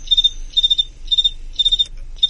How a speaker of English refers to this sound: So here we go, and they're rubbing their wings about 17 times a second here during the chirp, and then they pause and chirp again.